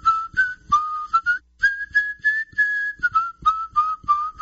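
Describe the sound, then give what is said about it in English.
A person whistles a melodic tune, a steady run of clear, sustained notes that glide up and then drift back down, with short breaks between phrases and no talking. “Let me hear you whistle again.”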